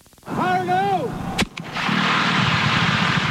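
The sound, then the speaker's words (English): A warning horn sounds with a wavering pitch, then workmen set off a single sharp, loud dynamite blast to break up rock in the way of a 6.5-mile water pipeline, followed by a steady roaring rumble of falling rock and debris. “To install one 6.5-mile pipeline, workmen set off a dynamite blast last week, breaking up rock that was in the way.”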